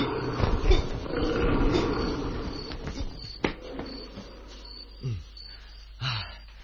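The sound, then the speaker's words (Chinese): A tiger roars with a deep, rumbling growl for the first few seconds, then fades, followed by a couple of shorter, sliding snarls near the end. “相信暂时唔会被老虎伤害嘅。”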